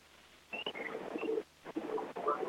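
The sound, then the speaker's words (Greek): Referee Katoikos's final whistle at the Asteras Aktor vs Iraklis football match, ending 0-2: a few short, high-pitched blasts rising over a steady roar of crowd noise that swells and dips throughout. “Όντως, τελευταίο σφύριγμα από τον κατοίκο Αστέρας Άκτορ Ηρακλής 0-2.”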